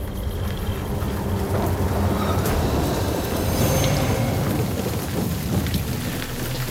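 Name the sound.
pouring rain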